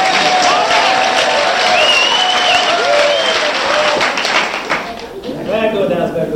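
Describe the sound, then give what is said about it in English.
An audience at Mavericks Flats, right side against left side, claps very fast for a KPFK radio show in a dense, continuous roar of applause, steady and loud, with a few voices and whistles rising above it before it thins out near the end. “For the people who are listening on KPFK tonight, for this remote, actually the remote is Sunday, we're doing our radio show from here, you'll find that if you clap like this, very fast, it sounds like a lot more people here.”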